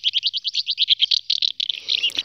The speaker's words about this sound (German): So klingt sie also, die Mehlschwalbe. Sie ist der Vogel des Jahres 2027.